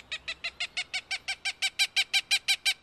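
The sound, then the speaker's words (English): A Cooper's hawk gives a rapid, steady series of harsh cak-cak-cak calls, about sixteen in a row, growing slightly louder and standing clear with no other sounds. “When the pigeon flocks flash and flare, wheeling with a new urgency, you might just see a different bird, long-tailed and stiff-winged, in pursuit.”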